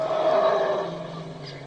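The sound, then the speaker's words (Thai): A herd of elephants surrounding the speakers from below trumpet together in a sustained, layered blare that fades slightly toward the end, loud, with no one talking. “ฟังนั่นดิฟังเสียงมันร้องประสานกันไงฟังดิยังก็ว่าภูเขาหรือหน้าผานี่จะถล่มทลายลงอย่างนั้นแหละฟังดิ”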